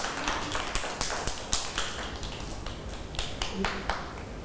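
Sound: children clapping hands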